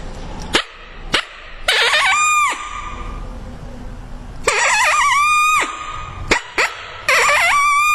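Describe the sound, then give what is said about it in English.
A hand-held mouth call imitates a smaller, less dominant coyote giving a challenge: a few sharp yipping barks and then short, wavering howls that rise briefly and break off, loud, with no talking. “You can hear it's a couple of barks and then a short howl, and then it breaks off. And I'll do it on my mouth call.”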